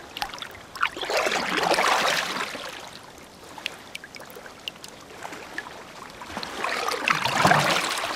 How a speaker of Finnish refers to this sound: Soutuveneen kaiteen yli on mukava hilutella kädellä vettä. Vesi tuntuu pehmeältä.